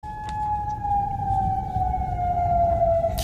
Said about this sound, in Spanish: Alarmas antiaéreas.